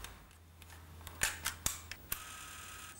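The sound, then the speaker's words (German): A handful of crisp camera shutter clicks, about five in quick, uneven succession, against a low steady hum with no talking. “Das mit der Kamera, das ist ein ganz besonderer Spaß hier, weil dann kann man die lustigsten und schönsten Momente auf Band festhalten und sich irgendwann nochmal angucken, und dann erlebt man die ganze Zeit eben nochmal.”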